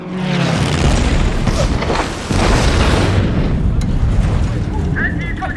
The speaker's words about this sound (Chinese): 有飞机轰炸，快起来！有飞机轰炸，快起来！